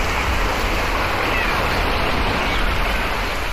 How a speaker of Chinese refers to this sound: 来到陈州村的第一印象就是环境优美，宽阔的村路两旁绿树成荫，海浪轻拍着海岸，一只只白鹭和海鸟不时飞过，让人感受到浓郁的海洋风情。